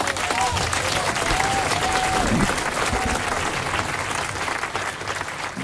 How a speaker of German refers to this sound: Ja, die Leute klatschen durch, oder?